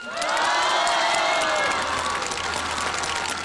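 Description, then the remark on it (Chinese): A large audience at the Tianjin Spring Festival Gala bursts into loud, sustained applause welcoming a crosstalk star, with shrill cheers and whoops rising over the dense clapping, the cheering easing slightly while the steady clapping carries on. “所以说我希望你们拿出你们的热情来欢迎这个相声巨星。”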